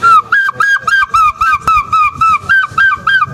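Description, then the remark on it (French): A human voice imitates a gull's cry: about a dozen rapid, high, nasal yelping calls in a steady, insistent rhythm, loud and alone with no talking. “Et un jour, j'ai poussé un cri, ce cri de goéland.”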